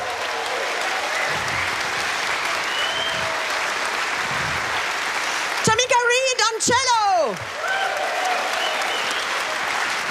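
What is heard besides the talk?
audience applause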